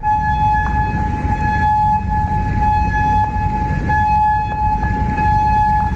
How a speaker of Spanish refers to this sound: Y las sirenas en Kuwait este lunes, también en Amán, Jordania, o en Bahrein a lo largo de la jornada, después de que Irán decidiera replicar a esa novena noche de consecutiva de bombardeos selectivos de Estados Unidos contra objetivos iraníes